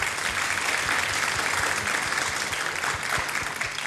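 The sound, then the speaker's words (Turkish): A studio audience claps steadily in a dense, sustained burst of loud applause for the production and studio technical crew, with no voices rising above it for the full few seconds. “Kocaman bir alkış da onlara gelsin mi?”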